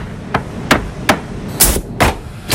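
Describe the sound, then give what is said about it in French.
Cut poplar wood pieces being assembled with a hammer into the board for the Breton palet game in a workshop: about six sharp, loud blows land at a steady, slightly uneven pace, with no one talking. “Pour ça, de longues palettes en bois de peuplier sont livrées dans l'atelier. Elles sont ensuite coupées, puis assemblées pour former la planche finale.”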